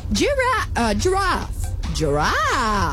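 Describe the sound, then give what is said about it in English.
A person imitates a giraffe with drawn-out vocal noises: a few rising and falling moaning hums, then a longer swooping wail, no actual words. “Do the giraffe.”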